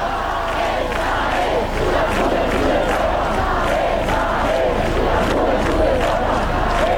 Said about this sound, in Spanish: De tantas veces que el padre Prevost escuchó corear esto, nunca se imaginó que fuera para él.